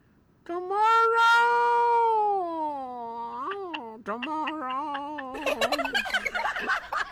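A male cat gives a long, loud, drawn-out yowl, its pitch sagging slowly, then breaks into shorter choppy cries before ending in a rough, hissing burst.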